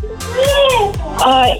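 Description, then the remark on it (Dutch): A three-year-old child in the background makes high-pitched, wordless vocal noises: two drawn-out sing-song babbles that rise and fall in pitch, fairly loud, with a few soft low thumps between them. “Ik hoor daar trouwens nog wat sfeer bij jou op de achtergrond. Wie luistert er mee met jou? Een kind.”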